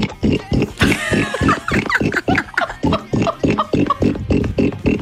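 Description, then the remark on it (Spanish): A person imitates a pig, making a rapid series of loud, nasal grunting oinks with snorty squeals, continuous, with no speech over it. “Pues espérate al cerdo, mira.”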